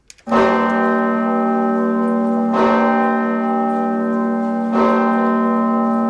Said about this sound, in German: Die Osanna-Glocke der Martinskirche in Kassel. Mit ihr beginnt immer die Gedenkveranstaltung zum Todestag von Walter Lübcke.